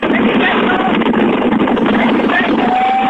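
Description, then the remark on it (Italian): Loud, constant wind from a ring road buffets the microphone for the whole few seconds, a dense roaring rush with no pauses, overpowering. “Lo senti il vento?”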